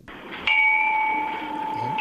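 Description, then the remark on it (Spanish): Bells ring out with a clear struck tone that sustains and slowly fades, a second soft chime entering near the end, heard alone without any talking. “Oh, qué campanas suenan.”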